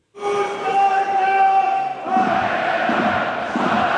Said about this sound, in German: So klingt es, wenn Heidenheim absteigt. Keine Pfiffe, keine Buhrufe, sondern Aufmunterung. Die Fans bauen ihre Mannschaft auf, die gerade abgestiegen ist.